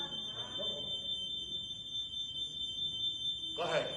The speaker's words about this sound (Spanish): Hay que tumbar la alarma, hay que tumbarla.